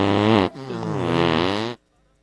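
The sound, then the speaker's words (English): A loud, buzzy fart noise in two bursts: a short blast, then a longer wavering one lasting over a second, ending abruptly in near silence. “Well, big fart on your friend and his little daughter.”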